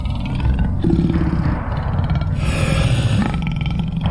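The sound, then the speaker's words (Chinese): A group of male lions surrounding the listeners roar in deep, rumbling, guttural bursts that run together into one loud, continuous growl lasting the whole four seconds, with no voices. “这种咆哮声很可怕，非常可怕。”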